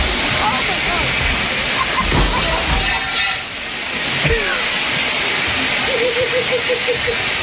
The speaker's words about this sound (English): That is so much water. It's not like a sprinkle. It's a huge gush. Like because she broke the sprinkler head. It's like the commercial sprinkler system.